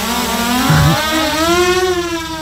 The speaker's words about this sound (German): Drohne, was für viele ein Spielzeug ist, ist spätestens seit dem Ukraine-Krieg ein wichtiges militärisches Mittel.